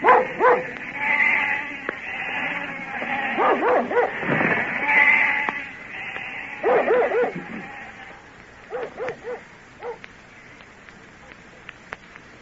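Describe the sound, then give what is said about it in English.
A flock of sheep being driven away, with overlapping bleats and sharp dog barks that grow sparser and fainter as the animals move off. “That's the last we'll see of the sheep till summer's over.”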